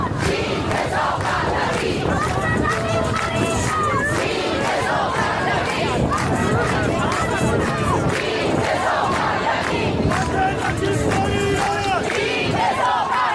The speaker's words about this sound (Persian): شعارشون یک چیز هست، سرنگونی جمهوری اسلامی. یک خواسته رو دارن، خواسته ای رو که 6 ماه مدام فریاد میزنن.